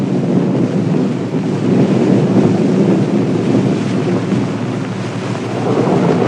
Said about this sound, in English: sure enough, the wind begins to blow. A spring storm is coming. Thunder showers often come up quite suddenly in the spring.